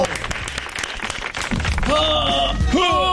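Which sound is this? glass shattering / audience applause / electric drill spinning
audience applause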